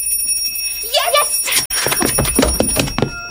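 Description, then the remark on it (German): On Christmas Eve, a mother rings a small handbell to let everyone into the Christmas room; it jingles brightly for a moment, its shimmering tones lingering, before lively voices start up and carry on over the fading ring. “Erst muss meine Mutter mit dem Glöckchen läuten.”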